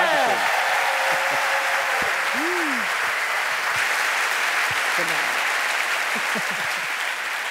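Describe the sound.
Sustained, loud applause from a large audience fills the whole stretch, a dense steady wash of clapping with a few faint tonal bits and stray voices underneath.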